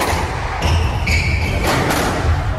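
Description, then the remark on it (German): A squash ball smacks the wall in a squash hall in a quick series of sharp, hollow thuds, about four in under three seconds, with high shoe squeaks from fast back-and-forth footwork in between. “Ja, der Ball spickt an die Wange, die Schuhe quietschen vom schnellen Hin und Her in der Squash-Halle.”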